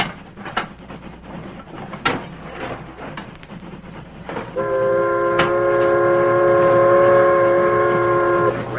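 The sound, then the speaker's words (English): A steam locomotive chugs along with irregular, hissing chuffs and a low rumble, then a loud, steady multi-tone whistle sounds for several seconds over the running train. “Steam's getting low, isn't it? Might fire up a little.”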